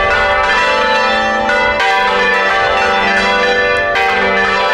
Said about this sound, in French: C'était toute une job, là, faire pivoter ça. C'était pas automatisé, là. Ils sont quatre dans la vidéo à faire sonner les cloches comme ça. Et j'ai pris la vidéo sur les cloches de l'église Saint-Rémy de la Garde de Lauragais.